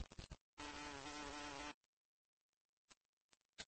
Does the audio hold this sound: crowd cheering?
no